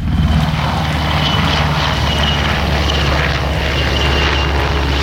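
A loud, steady rotor-engine roar from a military helicopter giving support during army exercises at the Toruń training ground in Poland, a deep droning throb with a hissing wash above it, holding constant with no voices.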